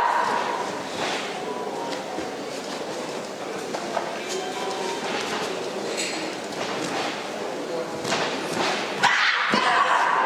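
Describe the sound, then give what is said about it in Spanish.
Sustained applause from two delegations at a taekwondo gold-medal bout in Ponce, a dense, steady patter of many hands clapping with scattered sharp claps and faint crowd voices mixed in, holding at an even loudness throughout. “Escuchamos aplausos de las dos delegaciones”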